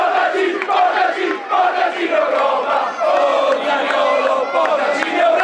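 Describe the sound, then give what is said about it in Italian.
A large crowd of Udinese football fans cheers and chants together at the team presentation at Parco Moretti, acclaiming strikers Zaniolo and Davis: a loud, sustained roar of many voices with rhythmic chanting swelling and dipping throughout, heard alone. “e così alla presentazione al Parco Moretti è la coppia d'attacco Zaniolo-Davis confermatissima a essere la più acclamata dai tifosi dell'Udinese.”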